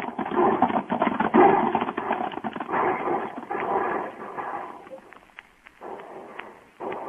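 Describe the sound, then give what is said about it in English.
A group of riders on horseback gallops hard straight toward wagons, a dense, rumbling mass of pounding hoofbeats that stays loud, thinning briefly near the end before surging again. “Everybody on his horse and ride straight for the wagons.”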